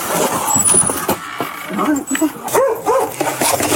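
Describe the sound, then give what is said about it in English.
A big dog barks and yips several times, short sharp calls over a busy background of voices and outdoor noise, with a brief high tone near the start; recorded on a police officer's body camera. “It's not a tortoise. It barks?”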